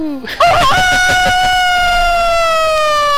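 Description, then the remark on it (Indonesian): A caller on a telephone call-in line loudly mimics a rooster's crow, a single long, strained, high-pitched call that wavers briefly at the start and then holds a steady tone, sounding fairly bright. “Dengan ayam berkokok. Kukuku.”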